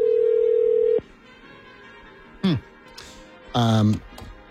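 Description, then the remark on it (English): A steady, loud telephone dial tone hums for about a second and then cuts off abruptly, followed by quiet room noise and a couple of short bursts of voice. “No, there's no just dial tone.”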